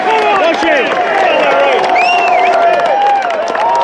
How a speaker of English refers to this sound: that's a cheer there for Shane Lowry